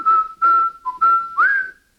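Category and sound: human body sound, person whistling a tune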